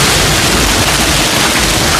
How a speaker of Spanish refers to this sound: Y muchísimo granizo, como el de la pasada tarde, el que escuchas en Castellfort, en la comarca del Sport, 71 litros registró AEMET en una hora